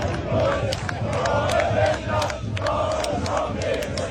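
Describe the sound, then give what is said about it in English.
A large crowd of Australian football fans chants and shouts together in a steady, loud roar, with sharp claps or yells punctuating the din throughout. “Have you heard the chant that the Aussies will play it again?”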